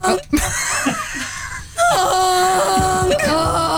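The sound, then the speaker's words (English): A loud, nasal honk sound effect blares for about two seconds with a buzzy, harmonic-rich tone, preceded by brief laughing and moaning vocal sounds. “Live honk.”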